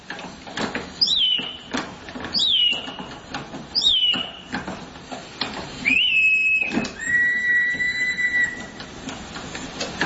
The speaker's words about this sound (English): and then inside there's a little bellow, and it causes air to pass through that bellow, which causes a whistle to sound off, which makes the bird sound like it sings. In fact, we've got a sound of it. Have a listen.